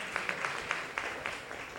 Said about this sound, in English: All right, there's a lady coming. A round of applause for her. Let's clap for her.